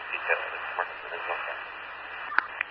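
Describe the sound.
A faint radio transmission from unit Robert 144 buried in steady, hissy static, with muffled fragments of a voice barely surfacing and a couple of sharp clicks near the end.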